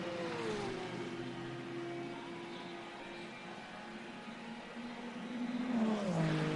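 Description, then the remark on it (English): GT3 race car engines roar steadily with strong harmonic tones, pitch holding then shifting as the cars pass; a louder surge near the end with rising then falling engine note as another car goes by. “The GT3 car in there.”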